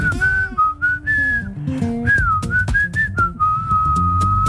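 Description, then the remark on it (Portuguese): A person whistles the melody of a pop hit, a bright, tuneful melody, the pure tone gliding between sustained notes over a soft background of music for several seconds. “Ele assobia. Eu assobio o que ele faz.”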